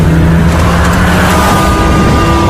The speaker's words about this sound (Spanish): en dirección a la provincia de Barcelona, dos agentes Mossos de Escuadra de paisano consiguen ver cómo un vehículo les adelanta a gran velocidad. Alrededor de las 11 de la noche se ve dirección sur haciendo conducción temeraria.